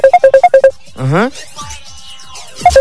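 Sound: mobile phone ringtone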